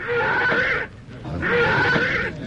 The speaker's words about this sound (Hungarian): Nézd csak, Jusszuf lova megbokrosodott. Levetette gazdáját. Mi történt a lovakkal?